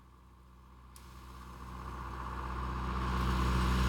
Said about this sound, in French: Tu crois que c'est lui ? Non, c'est un tracteur.